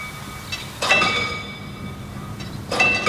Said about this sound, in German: Diese Schranke wird auch noch manuell bedient. Und es klingt auch noch richtig schön nach alter Eisenbahn.